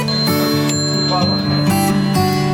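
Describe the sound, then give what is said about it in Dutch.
Around 20 wall clocks at a museum farm chime together, overlapping bell tones striking one after another and sustaining into a dense, resonant wash. “Hoeveel klokken hangen hier wel niet? Nou, ik denk wel een stuk of 20 klokken.”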